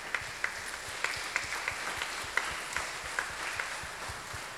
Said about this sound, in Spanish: Que le demos un fuerte aplauso, por favor.